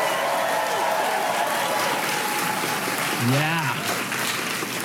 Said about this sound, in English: Keep that applause going for my interpreter